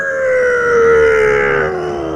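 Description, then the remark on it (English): A person imitates with their mouth the plane flyover at an All Blacks test match: one loud, sustained droning tone that swells in the middle and slowly sinks in pitch over about two seconds, with no talking. “It's supposed to be the plane flyover at the All Blacks test and match.”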